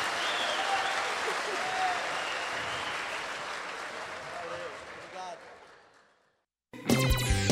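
A crowd applauds loudly with dense, steady clapping that fades out over about six seconds, followed by a brief silence and then a burst of music.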